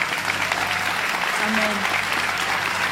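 Steady, dense applause from a large audience during a Christian sermon, many hands clapping continuously at an even loudness for the full few seconds, with no voices standing out above it.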